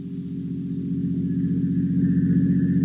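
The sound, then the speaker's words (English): A motor car's engine drones steadily with a low, throbbing hum, growing gradually louder as the car approaches a decaying, weather-boarded house on hot, glimmering marshes. No one speaks. “Only the heat on the glimmering marshes and the decaying, weather-boarded house as a motor car approaches.”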